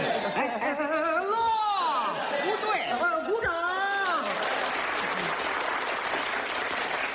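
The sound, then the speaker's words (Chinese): A live audience reacts with voices and laughter, then long, steady, dense applause takes over and fills the last few seconds, sounding like a large crowd clapping continuously. “我们领导说了，这里是长时间鼓掌。”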